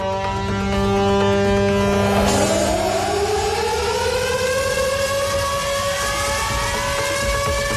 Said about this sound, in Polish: Na Westerplatte trwają obchody 87. rocznicy wybuchu II wojny światowej. Uroczystości rozpoczęły się dźwiękiem syren alarmowych o 4:45, czyli w godzinę niemieckiego ataku w 1939 roku.